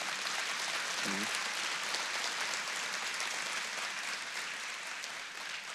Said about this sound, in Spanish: Ok, como tres o cuatro que entendió eso y aplaude. Me gustaría que ese aplauso fuese mucho más fuerte, ¿sí?